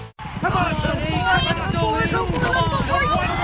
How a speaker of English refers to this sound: And it looks like it's a photo finish. If it's excitement you're after, you'll find plenty of it at Hiawatha Horse Park. Every Saturday night, catch the best in live harness racing.